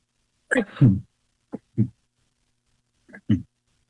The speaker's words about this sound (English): Excuse me, I have to sneeze. Excuse me.